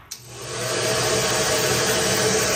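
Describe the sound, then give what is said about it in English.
A hair dryer clicks on and quickly rises into a steady, loud, airy whoosh with a faint motor hum underneath, blowing continuously with no talking. “But if you believe online chatter, a hair dryer might be the myth of choice behind two unusual temperature spikes in April, detected at Roissy Charles de Gaulle Airport.”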